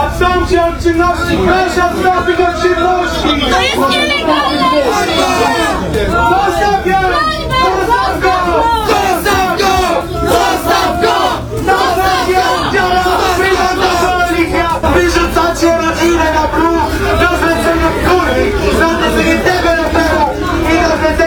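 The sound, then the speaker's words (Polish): A crowd of protesters in the Malta area of Poznań, resisting eviction from land where a new housing estate is planned, shouts and chants the slogan "Maltańskiego nie oddamy" together, a loud, dense mass of voices with overlapping yells and rhythmic vocal bursts that continue steadily throughout. “Maltańskiego nie oddamy, skandują broniący się przed eksmisją z terenu, na którym ma powstać nowe osiedle w Poznaniu.”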